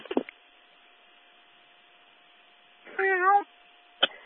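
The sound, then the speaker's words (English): A single drawn-out meow from a small cat with a wavering pitch, over a steady low hum and faint background noise, with a couple of brief clicks before and after. “Big dog scared of a little cat.”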